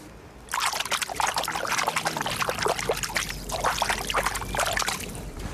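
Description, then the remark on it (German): Water laps and trickles steadily at the shore of the Krähenteich pond in Lübeck, a dense, bubbling wash of small splashes and gurgles that starts after a brief quiet moment and continues without pause. “So klingt der Krähenteich und ich weiß auch, was er gerade gesagt hat.”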